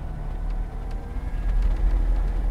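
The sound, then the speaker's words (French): An electric light aircraft, the Slovenian-made Velis Electro powered by two batteries, takes off with a fairly quiet, steady motor hum: a low droning rumble with faint tonal whine that swells slightly partway through, with no voices. “Même le décollage est plutôt calme.”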